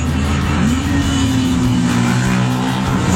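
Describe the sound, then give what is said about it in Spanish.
Loud, steady engine roar with a rising, revving pitch, like several motorbikes idling and throttling up, continuous throughout with no talking. “Ahí están todas las motos.”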